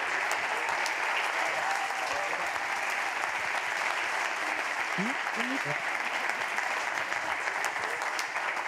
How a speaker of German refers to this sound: Großen Applaus nochmal an euch. Vielen Dank.